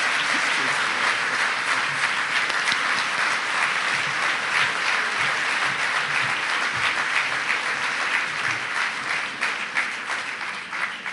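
A crowd at a Lega Coop birthday event applauds steadily, a dense wash of many hands clapping at a constant, fairly loud level for the whole stretch, easing slightly toward the end with no one speaking over it.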